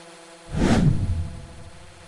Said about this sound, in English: Drones now transport the fruit from hills about 500 meters high to processing facilities below. The trip takes just 2 minutes